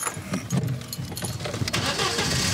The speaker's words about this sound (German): Und was mache ich als nächstes? Den Schlüssel drehen und den Motor anlassen.